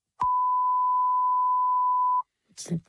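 A single steady censor bleep covering a spoken mobile phone number, a pure high tone held loudly for about two seconds, cuts in abruptly and stops, followed by a brief snatch of someone talking.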